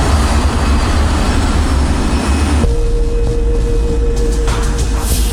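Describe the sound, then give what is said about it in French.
A loud, steady roar of a KLM airliner's engines as it turns 180 degrees on the runway and lines up for takeoff in deteriorating, foggy weather with near-zero visibility. A sustained whining tone rises out of the rumble partway through; no voices. “L'appareil de la KLM effectue sa rotation de 180 degrés et s'aligne pour le décollage.”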